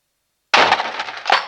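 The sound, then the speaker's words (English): After a moment of silence, an office's outer door slams hard into a poorly positioned potted succulent with a sudden loud crash and clattering, shattering debris, followed by a second smaller impact. No voices. “by the sound of the outer door crashing into a poorly positioned succulent.”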